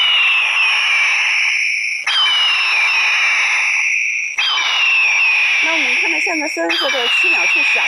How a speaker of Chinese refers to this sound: 随后，记者又组装好了另一款太阳能的大音量闪光驱鸟神器，这种驱鸟神器可模拟大型鹰类叫声来驱赶鸟类。